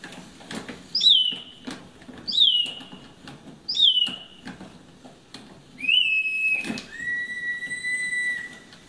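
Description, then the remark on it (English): A small handmade wooden clockwork bird, whose little bellows push air through a whistle, chirps three quick rising-and-falling trills, then longer sustained warbling whistles, with faint clicking and whirring of clockwork underneath, clear. “and then inside there's a little bellow, and it causes air to pass through that bellow, which causes a whistle to sound off, which makes the bird sound like it sings.”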